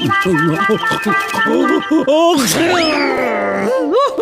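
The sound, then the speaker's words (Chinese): A strained, groaning vocal build-up breaks into one sharp, breathy sneeze burst, a sneeze to blow out small animals accidentally sucked into the nose, followed by bright warbling tones sliding upward, all fairly loud over a sustained musical backing. “让他打个喷嚏不就行了？”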